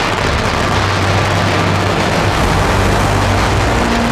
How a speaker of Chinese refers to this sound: 舞龙灯要在夜晚进行，两江镇的舞龙灯场面相当炸裂。及时移动，鸣放鞭炮，舞龙灯拉开序幕。